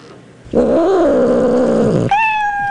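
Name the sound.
cat meowing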